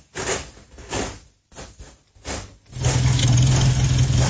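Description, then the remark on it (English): A car engine cranks in several short bursts, then catches and settles into a steady, fairly loud idle with a low rumbling hum, with no talking. “Go and see her into the car”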